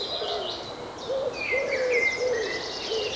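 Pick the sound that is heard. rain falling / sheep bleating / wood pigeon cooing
wood pigeon cooing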